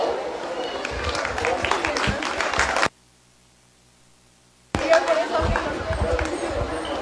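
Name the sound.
audience applause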